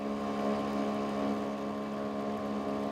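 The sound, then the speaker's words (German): A sailboat's small auxiliary motor runs steadily on the Großer Schweriner See in Mecklenburg, Germany, a droning, harmonic engine hum that holds an even pitch and loudness throughout, with no voices. “Ein bisschen motorisierter Anschub darf es sein, aber dann übernimmt der mecklenburgische Wind.”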